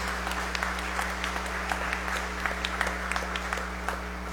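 An audience at a Mass (Holy Eucharist) applauds steadily for several seconds for a birthday, many scattered hand claps blending into a continuous wash over a low constant hum, with no voices.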